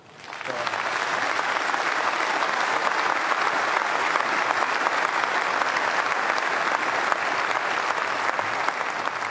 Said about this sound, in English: we love you, we applaud you, we thank you, we will remember you often, and we will play on.